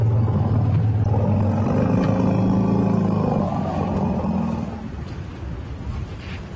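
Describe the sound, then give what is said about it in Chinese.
Two elephant herds meet and greet each other with a chorus of deep, overlapping rumbles and rough roars, loud and sustained for several seconds before easing into quieter, low rumbling and noise. “下面是两个象群之间的会晤。”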